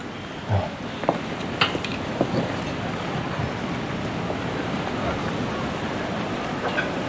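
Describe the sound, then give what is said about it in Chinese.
Steady hotpot restaurant hubbub fills the background while scattered sharp clinks of dishes and cutlery ring out every second or so, some bright, others softer, with no clear speech on top. “真没想到会有人约我在火锅店吃饭相亲。”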